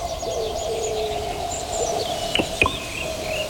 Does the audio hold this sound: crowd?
no